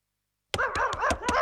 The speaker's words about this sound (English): You got these dogs out here. They about to bite me, poodles and rabbits and all that, man.